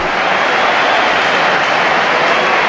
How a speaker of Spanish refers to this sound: Bueno, ¿hay división de opiniones? ¿O? Hay aplausos para Hugo Duro, yo creo.